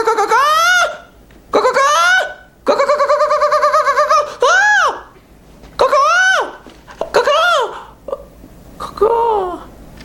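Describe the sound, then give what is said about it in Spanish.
A bird calls loudly, letting out about eight harsh, rising-and-falling squawks in quick succession with short pauses between them; no one speaks. “Ven, pajarito.”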